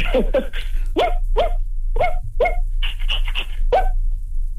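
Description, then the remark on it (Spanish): A voice imitates the speaker's own small dog barking: about nine high-pitched, yappy barks in quick, uneven succession, loud, with no other talking. “Como un perro chiquito, ¿no? Como un perro. Es un perro pequeño.”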